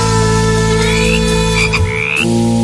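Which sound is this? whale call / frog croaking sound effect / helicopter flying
frog croaking sound effect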